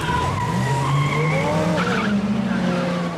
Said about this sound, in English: The heist car swerves right, glancing into another vehicle.